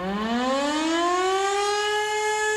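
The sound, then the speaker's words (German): A loud civil defense siren in Tyrol, Austria, sounding during the annual civil protection test alarm, winds up, its rich harmonic tone rising steadily in pitch and then holding a sustained wail, with no voices present. “Morgen ist Zivilschutzprobealarm, wie jedes Jahr werden auch heuer wieder alle Sirenen in Tirol und in ganz Österreich getestet, wie gewohnt am ersten Samstag im Oktober.”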